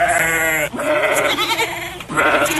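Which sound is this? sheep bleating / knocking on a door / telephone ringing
sheep bleating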